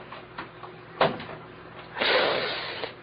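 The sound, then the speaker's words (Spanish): Someone slowly tries a door locked with an old-fashioned key lock: a few soft clicks and a sharp clunk of the handle, then a longer rattling push against the door, with no talking. “Voy a abrir la puerta despacito.”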